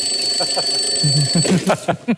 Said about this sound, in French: mon amour, ne t'inquiète pas, il est 4 heures. Rendors-toi. J'ai oublié de couper le réveil parce que ça fait 1 heure que je suis debout.